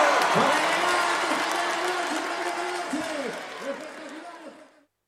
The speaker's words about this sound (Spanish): ¡Fuerte ese aplauso!